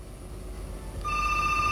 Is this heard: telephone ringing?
yes